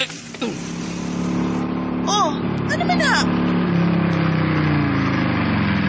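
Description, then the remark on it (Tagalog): A motorcycle engine runs with a steady, low idling drone, briefly revving near the start, while people talk over it. “Ano di ba huwag man imong motor?”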